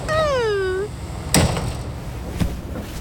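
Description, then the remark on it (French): A descending two-note warning chime, then train doors thump shut with a sharp clunk and a softer knock a second later, over a steady low carriage rumble. “Il ne faut pas jouer avec les portes, tu vas te pincer les doigts.”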